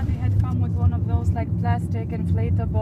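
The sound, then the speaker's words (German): Steady low engine rumble and road noise from inside a moving car carrying protest activists, setting off again after a short stop, with people talking over it throughout. “Nach einem kurzen Stopp geht's weiter. Die Aktivistinnen und Aktivisten im Auto gehören alle seit Tag 1 der Protestbewegung an, die mittlerweile Flamingo-Revolution heißt.”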